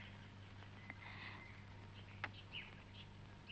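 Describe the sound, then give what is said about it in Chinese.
A few brief, sparse chirps from small pet birds ring out against a steady low hum, soft, with no one talking. “是我养的小鸟，去维也纳以前不是把它们都放走了吗？”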